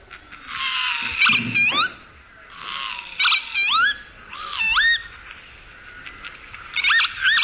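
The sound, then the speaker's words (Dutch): Northern lapwings calling: several wheezy, rising 'pee-wit' notes come in short bursts over a breathy, rushing background. The calls are high-pitched and fairly loud, and no one speaks. “Ja, de kievit.”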